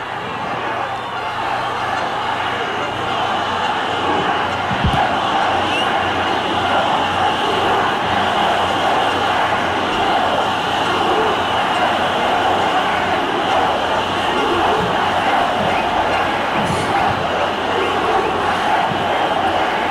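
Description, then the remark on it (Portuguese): A large crowd at a PL rally for Flávio Bolsonaro on Avenida Paulista, Brazil, chants 'Fora Moraes' and 'Lula ladrão, seu lugar é na prisão', a dense, steady roar of many voices that holds at a constant loudness throughout, with no pauses and a few sharp thuds scattered through it. “O grito de fora Moraes.”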